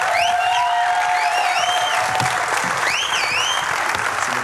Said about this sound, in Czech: A prosím, obrovský potlesk taky pro olympijského vítěze v rychlobruslení z Milána a Cortiny Metoděje Jílka.